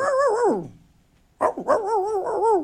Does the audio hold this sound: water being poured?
no